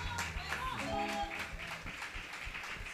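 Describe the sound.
A crowd claps together in an uneven burst of applause in praise of Jesus, with a sustained voice or instrument tone briefly sounding underneath near the start.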